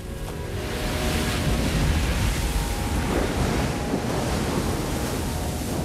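Loud ocean waves crash and roar continuously, a dense wash of surf with wind rushing across the microphone, as a surfer rides through the wave's pipeline and bursts out over the crest. No voices, just the steady churning water throughout.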